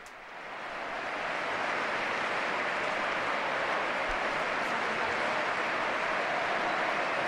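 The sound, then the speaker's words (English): Sustained applause from a large crowd in Madrid for the Pope, swelling in over the first second into a dense, steady roar of clapping that holds at an even, loud level with no voices. “And as he has been doing so in the past events, he is receiving a very, very lengthy and warm applause.”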